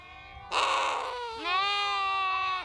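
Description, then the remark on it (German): Two loud bleats from lambs and sheep in a stable on a family livestock farm in Ineletz, where the lambs are being taken to drink, follow one after another, the first harsh and rough, the second a long wavering cry, with faint stable background noise. “Hier ist der Stall, zu dem ich gerade hingehe, um die Lämmer trinken zu lassen.”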